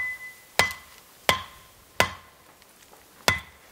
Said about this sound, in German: Doch an vielen Stellen gibt es kein Herum. Er muss hacken und sägen.